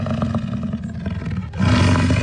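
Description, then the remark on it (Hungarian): An American bison bellows in the Mexican desert in a deep, rumbling roar, a long, loud, growling call that breaks briefly and then surges back even stronger. No one speaks. “Igen, ez egy bölény volt, méghozzá az amerikai bölény, amely egykor Mexikó északi részének jellegzetes állata volt.”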